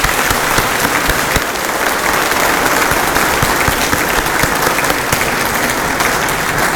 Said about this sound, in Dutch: Zullen we gewoon één groot applaus doen voor iedereen die bijgedragen heeft aan deze dienst.